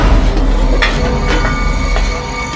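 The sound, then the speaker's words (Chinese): A train about to depart rumbles steadily, its deep mechanical drone overlaid by thin metallic squealing and a few sharp clanks, with no voices. “火车都要开了，你们还在干什么？”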